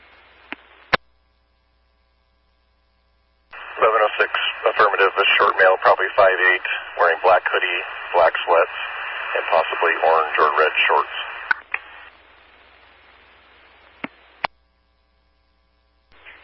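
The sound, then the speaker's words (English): A garbled, unreadable radio transmission from the last unit to call in, a burst of unintelligible voice chopped by static and a steady whine, bracketed by sharp clicks of the radio keying on and off. “Last unit static, unreadable.”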